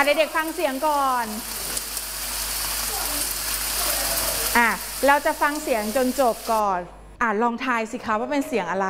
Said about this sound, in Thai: เสียงอะไรคะเสียงนี้คือเสียง ฝน ทำไมคะ เ ป็นเสียงฝนตกนั่นเองนะคะเห็นไหมคะเด็กๆเคยได้ยินไหมคะ เคย ได้ยินใช่ไหมคะเสียงเป็นยังไงคะฝนตกใช่ไหมคะเสียงเป็นยังไงคะเปาะแปะเปาะแปะเปาะแปะแบบนี้ตกแรงหรือตกเบาตกเบาใช่ไหมคะ